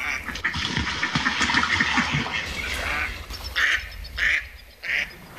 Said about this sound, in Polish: No i kaczki. No pięknie.